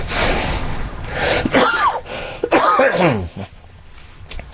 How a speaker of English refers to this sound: No, that's the coughing is after effect from, I had 66 treatments of radiation and chemo. And it does damage to you.